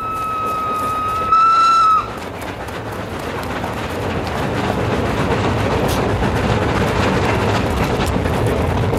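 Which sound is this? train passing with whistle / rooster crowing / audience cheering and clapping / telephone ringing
train passing with whistle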